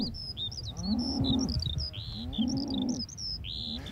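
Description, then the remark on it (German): A herd of 60 suckler cows running off while being rounded up moo twice in long, low, droning calls, one after the other, while birds chirp and tweet in quick high bursts over them throughout. “Aber die Herde haut erstmal ab.”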